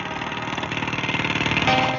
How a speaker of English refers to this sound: I didn't have to get the mic so close to said jackhammer, but nonetheless.